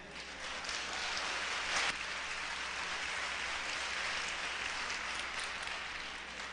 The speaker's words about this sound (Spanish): Ah, ya sí hay. Ok. Un aplauso para el valiente.